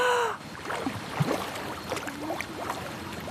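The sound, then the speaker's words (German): Muffled bubbling and gurgling, like someone blowing through water into a glass, as a person dives under the water and sings; warbling, sweeping tones rise and fall over a soft watery hiss. No speech. “Also hier habe ich nichts gehört. Maximal so ein in Wasserglas pusten, aber nicht mehr.”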